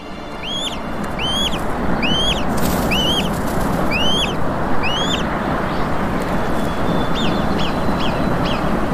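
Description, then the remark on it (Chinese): Two golden eagle chicks in their nest give thin, high-pitched peeping calls in quick repeated bursts, fading to fainter cheeps toward the end, over a steady rushing background noise. “出生顺序往往决定了金雕雏鸟的命运。”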